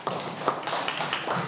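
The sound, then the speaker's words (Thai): A group of students applauds their classmates in group one, a dense burst of overlapping hand claps that holds steady for over a second at moderate loudness. “เก่งมากครับตบมือเพื่อนกลุ่มหนึ่งหน่อยครับ”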